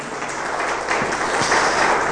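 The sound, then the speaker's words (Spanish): An audience at a Spanish-language church service applauds for Jesus, a dense, steady wash of many hands clapping that holds at an even, fairly loud level for about two seconds with no voices on top. “Le demos un fuerte aplauso a Jesús, por favor.”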